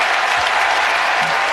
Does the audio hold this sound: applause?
yes